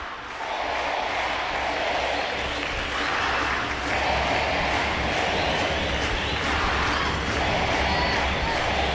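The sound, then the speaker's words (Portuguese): A packed crowd of about 4,000 futsal fans at the Centro Municipal de Eventos Sérgio Luiz Guerra roars and cheers steadily after a goal, with dense applause and shouting forming a loud, continuous wall of sound and rhythmic surges throughout. “Torcida maravilhosa lotando o Sérgio Luiz Guerra.”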